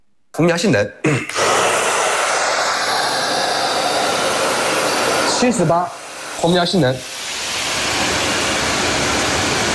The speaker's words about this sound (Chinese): 其余参测吹风机工作后，管道内都会产生大量静电